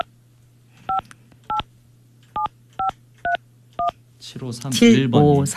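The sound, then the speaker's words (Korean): Six short dual-pitched telephone keypad tones beep in an uneven sequence over a low steady hum as a Far East Broadcasting (극동방송) radio show dials listener number 7531. Voices start talking loudly right after the dialing ends. “자 7531번님 받아주세요.”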